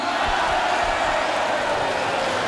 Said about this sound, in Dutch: Groot applaus voor Boer Benny.